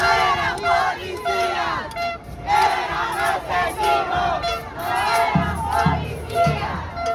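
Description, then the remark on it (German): A large crowd protesting against government policy and soaring prices shouts and chants in loud, overlapping bursts, voices rising in rhythmic waves of yelling with a steady roar of many people underneath. “Statt eines normalen Sommers stehen aber Proteste an der Tagesordnung.”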